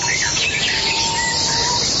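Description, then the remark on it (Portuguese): Birds chirp and tweet continuously, with a rooster crowing, over a steady outdoor background, a dense, busy chorus of calls at moderate volume with no voices present. “Pode ouvir aí o som dos pássaros, o galo cantando.”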